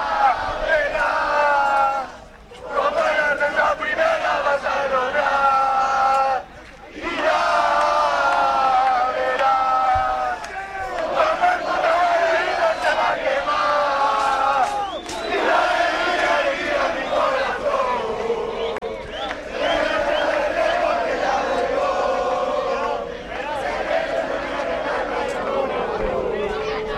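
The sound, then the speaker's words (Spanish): A loud crowd of Deportivo de La Coruña football fans chants together in sustained, rhythmic unison beside the Depor team bus at Zorrilla, led by player David Mella on a megaphone, their voices carrying steadily with only a couple of brief breaks before the singing surges back. “El sonido de Zorrilla en directo al lado del autobús del Depor, el micro de la M Roja, el micro de la radio que está siempre con el Deportivo, siempre con el deporte coruñés.”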